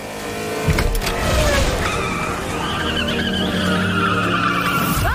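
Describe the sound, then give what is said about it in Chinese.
Race car engines roar steadily while tires screech in long, wavering squeals as the cars of the Yinfeng and Chaoxing teams skid around the track on the fifth lap, Chaoxing already lapping trailing cars, with a low rumble underneath throughout. “在引风车队的紧逼之下，超星车队竟然在第五圈就开始套圈落后车队。”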